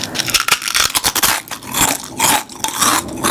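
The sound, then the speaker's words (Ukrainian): Lay's potato chips being crunched in a radio advert, a steady run of loud, crackly bites and chews, dense brittle snaps with short pauses between bursts, no voices. “Новий дизайн, той самий смак, хрумкі чипсини.”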